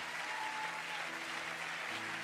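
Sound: audience applauding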